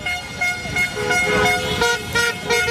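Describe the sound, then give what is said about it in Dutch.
Several car horns honk over and across each other in steady, overlapping blasts, loud, with a busy street-celebration din underneath and no clear talking, as people celebrate Morocco's World Cup football win over Canada in the streets of Amsterdam-West, Netherlands. “De eerste toeters klonken bij het tweede doelpunt van Marokko.”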